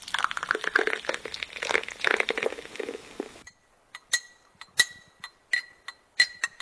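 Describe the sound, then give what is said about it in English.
Tea pours steadily into a cup for about three seconds with a hissing, splashy trickle, then stops, followed by several sharp, bright clinks of china at uneven intervals. “There we go. I've poured mine.”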